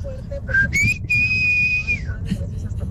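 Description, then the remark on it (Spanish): A loud, piercing human whistle, a father's signal for calling his children: a short rising chirp, then a long sustained high note that slides down at the end, with no talking. “Chiflido de mi padre en paz descanse cuando nos hablaba.”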